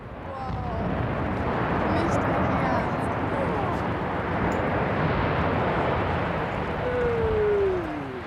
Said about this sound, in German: Und dann, am Anfang dieses Jahres, ging auch der 275 Meter hohe Schornstein zu Boden.